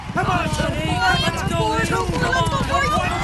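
Harness racing horses gallop with a fast, steady, loud drumming of hooves beneath an excited crowd cheering and shouting throughout, at a race at Hiawatha Horse Park ending in a photo finish.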